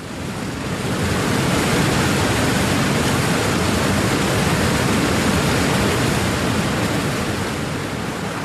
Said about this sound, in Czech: vodopád! Plujeme přímo k němu. Vždyť nás proud strhne.